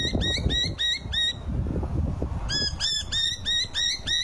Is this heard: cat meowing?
no